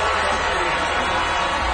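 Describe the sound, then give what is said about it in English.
A large crowd of protesters booing at a county officials' meeting during a vote on a proposed project, in a loud, unbroken wall of jeering that fills the whole brief moment, with no single voice standing out. “Despite the booing, the project was approved unanimously.”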